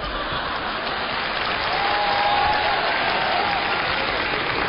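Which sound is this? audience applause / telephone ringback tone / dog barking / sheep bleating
audience applause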